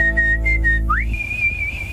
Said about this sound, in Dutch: Zo kun jij fluitend aan het werk.